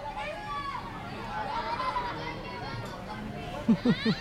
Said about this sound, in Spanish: De hecho, esos gritos que escuchan de fondo son los niños pues viendo este fuego y diciéndole a la maestra que use el extintor.